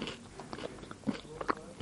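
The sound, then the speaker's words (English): Biting and chewing of a crunchy Bluey cereal bar with strawberry and white chocolate, with a few sharp crunches and moist chewing clicks in an uneven rhythm, quiet overall and no talking. “I'm sorry if you don't like chewing noises.”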